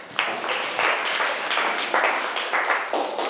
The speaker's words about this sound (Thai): เก่งมากเอาปรบมือให้เพื่อนค่ะ